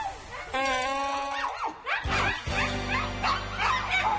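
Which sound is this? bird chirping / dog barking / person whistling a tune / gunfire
dog barking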